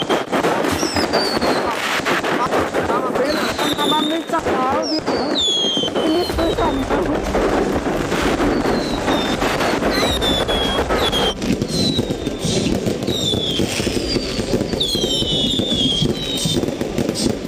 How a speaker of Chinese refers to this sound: 家里面又是鞭炮，又是烟花，又是横幅，又是气球，各种让我很震惊的，一是表达这种心情，二是表达对我的重视，对我回家的期待。